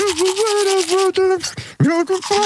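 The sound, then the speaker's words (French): Steady toothbrush scrubbing, with a muffled voice humming a wavering melody through it while brushing teeth, played as a guess-the-song game clip. “Bon, on va réécouter le jeu, l'extrait de la brosse à dents pour ceux et celles qui n'étaient pas là.”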